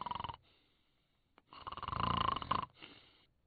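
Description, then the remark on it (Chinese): A voice imitates loud snoring of someone sleeping inside a temple hall: a short rasp, a pause, then one long rumbling, gurgling snore that trails off into a softer wheezing breath. “可是突然之间就听里边传出了打呼噜的声音。”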